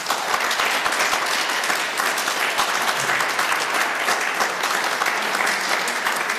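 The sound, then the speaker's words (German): Sustained audience applause for a composer and a violinist at Kartause Ittingen, in the vaulted large exhibition room of the art museum: a dense steady patter of many hands clapping at even loudness for several seconds with no voices standing out. “Vielen Dank und einen herzlichen Applaus.”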